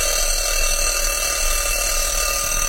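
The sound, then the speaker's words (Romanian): A loud, continuous ringing of an alarm clock bell rattles on without a break, bright and metallic, heard alone with no voices. “Destul, m-am trezit de multe. Să iau și deșteptătorul, dar unde să-l mai pun și pe ăsta?”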